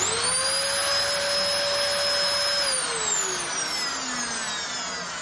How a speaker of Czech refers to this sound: Vysavač.